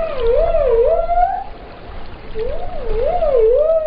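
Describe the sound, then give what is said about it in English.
Dolphin whistles: two bouts of warbling, wavy tones that repeatedly rise and fall in pitch, with a short quieter gap between them over a steady watery background hiss. “And they have this organ that uses pressurized air and they make click noises and whistles that are unique to each species and individuals.”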